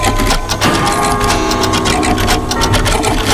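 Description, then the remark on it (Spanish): A dense, continuous clatter of some 230 mechanical clocks ticking at once, some out of time with the others, their overlapping clicks blending into a steady, loud mechanical rattle with no voices. “Hombre, 230 relojes sonando todos los días, pero cada uno en su sitio.”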